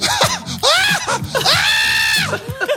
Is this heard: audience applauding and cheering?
no